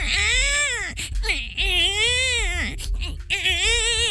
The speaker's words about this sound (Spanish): Así lloran los bebitos, pues.